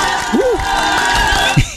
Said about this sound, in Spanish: Vamos, aplausos, dice.